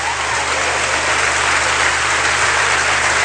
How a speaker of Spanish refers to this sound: ¿Le gustó eso? Aplaudieron.